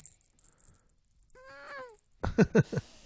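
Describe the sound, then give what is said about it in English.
A cat lets out a drawn-out, low groaning meow, followed by several louder, rougher vocal bursts, with faint rustling in the quiet stretches. “Oh, that was pretty good. That was more of a groan.”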